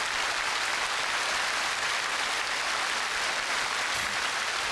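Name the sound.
audience applause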